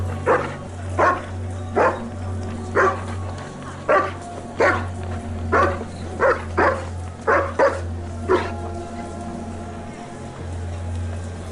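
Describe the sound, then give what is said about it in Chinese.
A large wolfdog at the door of an old tavern barks repeatedly, about a dozen loud barks in an uneven rhythm that fade out near the end, over a steady low mechanical hum. “第二天，混混们搬张桌子，还带了条狼狗，坐到了老酒馆的门口，吓得行人不敢靠近。”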